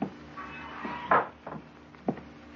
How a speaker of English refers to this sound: Its pilot, a young man in his middle 20s, ties the boat to a stanchion and walks down the dock to a dilapidated waterfront hotel. He opens the sunwarped screen door.